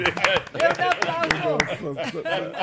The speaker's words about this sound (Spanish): Aplauda, muy bueno. Muy bueno.